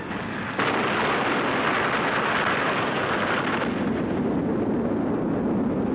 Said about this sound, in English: 9,000 men take their places in trenches at different distances from the explosion center. Danger signal is given and the bomb is fired. The sound and shock waves roll over the trenches.